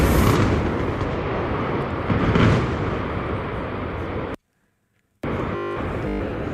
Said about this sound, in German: Und das war der große Knall. Oder der Knall. Gleich soll es dann jetzt... Das hat jetzt quasi alle Vögel verschreckt.